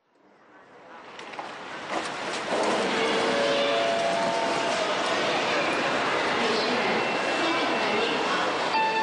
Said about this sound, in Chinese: 我和杨书记早就到车站了，高铁马上进站了。